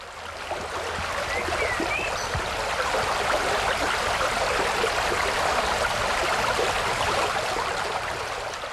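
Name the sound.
flowing river water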